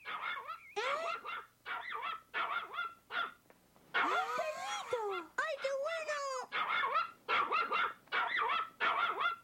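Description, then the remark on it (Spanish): A puppy named Chippy barks in quick, high-pitched yips, over and over in short bursts, with a stretch of whiny, squealing yelps in the middle. Fairly loud throughout. “¡Es como mi perrito!”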